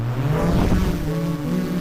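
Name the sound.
drone taking off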